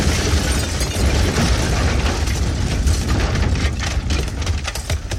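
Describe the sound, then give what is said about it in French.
A car bomb, set off by a trigger as Salamé's car drives past a Volkswagen, blows the car apart: a loud, deep, roaring rumble fills the whole stretch, with sharp crackles and bursts of debris breaking through toward the end. No voices. “À l'instant précis où il roule devant la Volkswagen, Rina actionne le déclencheur et la bombe fait voler en éclats la voiture de Salamé.”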